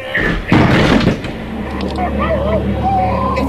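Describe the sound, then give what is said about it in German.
People throw themselves against a door to break it open, and one heavy, booming crash of bodies striking wood rings out before fading into a low rumble as raised voices carry on over it. “Los, wir werfen uns gegen die Tür.”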